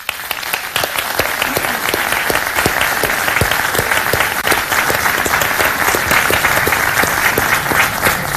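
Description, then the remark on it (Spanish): A sustained round of audience applause for Belén Chaguán, dense and steady clapping from many hands filling the whole stretch at a strong, even level, with no voices standing out. “y además también de haber conversado con el alcalde Johnny Piraíno, y para quien también pido un caluroso aplauso, porque es probable que nos esté viendo, nos esté escuchando, y su familia también.”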